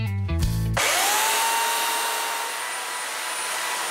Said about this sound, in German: Das ist ein absoluter Flow. Für mich ist es Freiheit pur, die Kettensäge anzuschmeißen, mir zu überlegen, was ist in diesem Stamm für mich drin. Da sehe ich jetzt eine kleine, schmale Meerjungfrau.